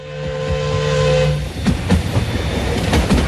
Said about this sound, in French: Mais derrière lui, à la sortie du bois, l'express Calais-Paris-Berne surgit à toute vapeur.